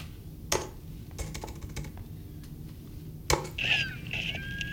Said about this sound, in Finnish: Ja nyt jos sä kelaat siihen ovikoodin näpyttelyyn.